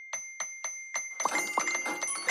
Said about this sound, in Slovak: Je to cinknutie extra výplaty na účet.